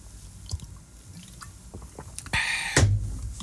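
Drinking hibiscus water (agua de Jamaica) from a one-litre bottle: a few soft wet clicks and sips, then a fuller rush of liquid and a heavy gulp near the end, with no talking.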